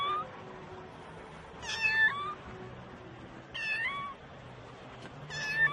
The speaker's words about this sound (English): Hier ist eine Katze. It's a cat, ist hier. Oh. So eine kleine Katze.